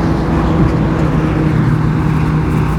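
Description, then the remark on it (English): A loud motorbike engine drones steadily at about 5:40 in the morning, a low throbbing rumble holding at an even level throughout with no voices. “A loud motorbike as well, about 5:40 in the morning.”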